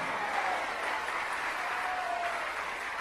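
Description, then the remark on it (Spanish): An audience at a preaching service applauds steadily in praise of God, a dense wash of many hands clapping at once, sustained and fairly loud throughout without pause, with faint voices mixed into the crowd noise. “Si lo cree, dele un aplauso de gloria a Dios.”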